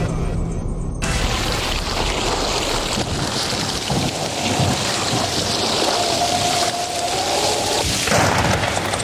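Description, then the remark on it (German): A thunderstorm in Wetter an der Ruhr with heavy rain pouring steadily throughout, while deep rolls of thunder rumble loudly underneath. No one speaks. “Das war nicht Wetter an der Ruhr, sondern Unwetter an der Ruhr.”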